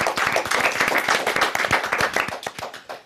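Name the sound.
applause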